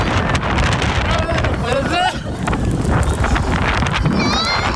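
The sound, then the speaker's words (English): Steady, roaring storm wind buffets the microphone without letup, with faint wavering voices and cries rising and falling beneath the gusts, from people stuck about 250 feet in the air on the Supergirl Skyflight ride at Six Flags during a storm. “When a whole bunch of people got stuck on a ride about 250 feet in the air in the middle of a storm.”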